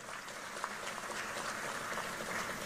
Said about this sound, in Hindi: कलिता जी के लिए ताली बजाओ जरा।